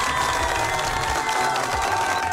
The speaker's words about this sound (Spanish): Fuerte los aplausos para las personas que participaron de esta adivinanza.